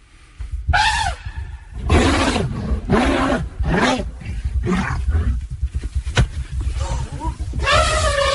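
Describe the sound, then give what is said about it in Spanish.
An elephant gives a warning call to drive off another species: a deep, continuous rumble runs under a series of loud, groaning roar-like calls, forceful, ending with a higher, brassy trumpet blast. “Ahí le agrega un barritar, claro, que hace ninguna que duda.”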